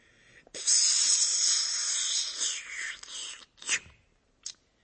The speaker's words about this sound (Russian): И вот тогда, когда никто уже не обращал на него никакого внимания, он вдруг вытаскивает спичку, чиркает ею о подметку и...